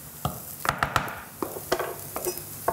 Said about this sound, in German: Und jetzt kommt dieser dicke Mehl-Eierbrei in die Pfanne. So, nimmst du mal den Kochlöffel bitte raus.